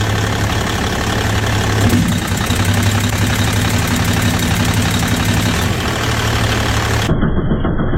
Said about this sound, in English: And I know you want to hear them. You can manually activate these with a pick while the truck's running. So let's do that, huh?